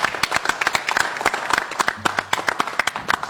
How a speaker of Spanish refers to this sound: Un aplauso para Goyo Guerra.